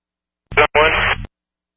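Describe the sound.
A brief, garbled radio transmission from unit 41 crackles through with heavy static, two short bursts of distorted, band-limited sound where any voice is unintelligible, ending abruptly after about a second.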